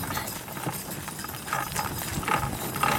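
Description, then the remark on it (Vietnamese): Horse hooves clip-clop in a steady rhythm as a horse pulls a cart carrying fish and children in the semi-mountainous area of An Giang, Vietnam, the hoofbeats moderately loud over a faint rattling rumble of wheels. “Đứa bé lắng nghe câu chuyện về con ngựa đang kéo xe.”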